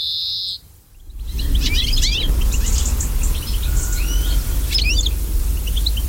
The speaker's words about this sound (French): Voilà un cousin du pinson, c'est le verdier. Lui aussi, ses effectifs se sont bien cassés la figure ces dernières années. Ce magnifique fringille, ce granivore avec un bec puissant et ce plumage verdâtre avec des barres jaunes.